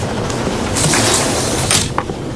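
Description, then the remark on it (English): A sliding compartment door rolls shut with a rough, rumbling swish, ending in a couple of sharp clacks as it latches, over a steady mechanical train hum. “Oh, I didn't close the door. Sorry. I'll do it.”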